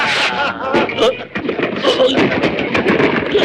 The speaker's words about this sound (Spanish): Y ahora, los cohetes, venga. Los cohetes, así, venga, arriba.